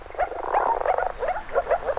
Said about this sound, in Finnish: Viitasammakon ja sammakon erottaakin helpoimmin äänen perusteella, sillä ulkoiset tuntomerkit ovat aika hankalia.